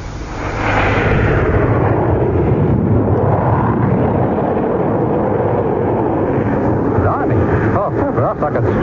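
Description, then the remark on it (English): A jet aircraft approaching to land roars past low and fast, a loud, dense rushing roar that swells in within the first second and holds steady and powerful, before roughening slightly near the end. “That's number two approaching already. Yeah, Lemmy. Well, she's traveling pretty fast, isn't she?”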